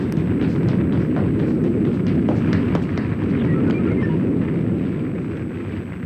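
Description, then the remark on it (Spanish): A loud, sustained roaring rumble of the shock wave from an explosion at the core of the city of the Orms, heavy and low, with scattered crackles and debris-like clatter running through it for several seconds before easing slightly. “Me quedan unos cuantos segundos para subir al estabilizador antes de que llegue la onda de choque.”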